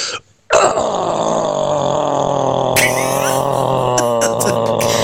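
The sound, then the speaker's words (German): After a brief pause, one man lets out a long, loud, rasping metal-style growl that holds for over four seconds, turning harsher and more distorted toward the end, with no talking. “Mein Grollen geht so.”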